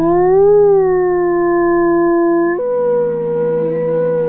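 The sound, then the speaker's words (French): A wolf howls in a long, steady, loud tone that rises slightly at first, then drops abruptly to a lower pitch and continues, with no voices present. “Et ça, c'est du loup.”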